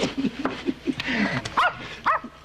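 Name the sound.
dog barking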